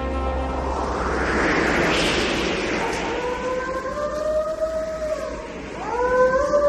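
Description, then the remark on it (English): A lone wolf on a windswept bluff howls at the moon in long, wavering tones that rise and fall, with two or three drawn-out calls emerging after a steady rush of wind-like noise, moderately loud. “The lone wolf, perched on a windswept bluff, howling at the moon.”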